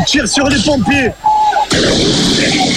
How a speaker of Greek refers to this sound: Μέχρι τα ξημερώματα ταραξίες συγκρούνται με την αστυνομία. Εκτοξεύουν εναντίον τους σε ευθεία βολή φωτοβολίδες και πυροτεχνήματα.